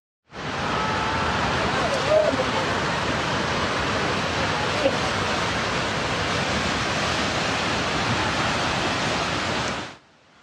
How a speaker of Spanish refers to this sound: comenzamos para informarles que la naturaleza vuelve a golpear con fuerza a Nepal. Inundaciones arrastraron viviendas y destruyeron al menos 5 puentes, pero véalo usted.